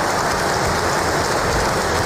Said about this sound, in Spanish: Antes de empezar ese discurso, hemos escuchado aplausos al rey Mohamed VI, como hace habitualmente, lo está leyendo.